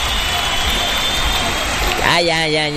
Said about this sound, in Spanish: Ya estuvo bueno. Suficientes aplausos.